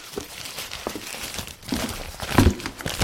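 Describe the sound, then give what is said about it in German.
Crisp paper crinkling and rustling as a crumpled note found in the rubbish is pulled open, with irregular crackles building to a louder crunch near the end. “Hier, ich habe im Abfall einmal einen zerknüllten Zettel gefunden.”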